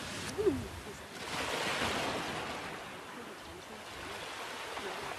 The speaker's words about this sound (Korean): 그리고 파도를 보면 그 속도 그대로 그냥 계속 들어오고 저 밑에 물소리가 부딪히는 게 들려요.